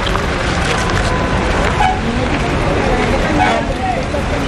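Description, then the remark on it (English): A steady, loud rumble of traffic and engine noise inside a moving bus driving to the Valley of Mina during the Hajj, with faint murmuring voices mixed into the continuous background din. “After picking up the stones, we got back on the bus and drove to Mina.”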